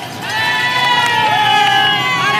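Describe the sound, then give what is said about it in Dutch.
A dense roadside crowd of cycling fans on a climb, heard from the race motorbike just past bend 20, behind the group with Remco Evenepoel, shouting and cheering without pause, loud and steady, with long, high-pitched yells rising above the roar of many voices. “Luister eens naar al die mensen.”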